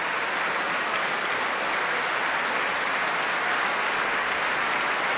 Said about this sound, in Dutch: En het mooie is, het publiek blijft gewoon staan klappen. Maakt nog geen aanstoten om te vertrekken. Wil het koor bedanken